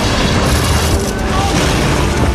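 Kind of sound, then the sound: sound effect, bomb explosion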